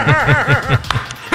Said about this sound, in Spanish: Estate quieto, perrito.